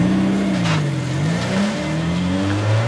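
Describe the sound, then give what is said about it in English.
A car engine revs and accelerates hard, its pitch rising and falling as it climbs through the gears, loud with steady road noise and no voices. The driver is speeding up to catch another car at the next light. “I'll see if I can catch them at the next light.”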